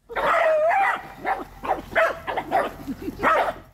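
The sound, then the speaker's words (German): Several dogs bark and yip in quick, irregular bursts, with a few whining, playful cries mixed in, fairly loud, with no pause between calls, as they romp in a fenced dog meadow in a Düsseldorf city park in bright sunshine, fetching sticks and chasing each other. “Bei strahlendem Sonnenschein tollen Hunde in dem eingezäunten Bereich herum, holen Stöckchen oder jagen einander über den Platz.”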